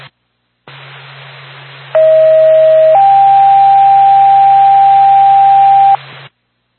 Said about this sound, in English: Going back to Jefferson Fire Department, stand by for tone.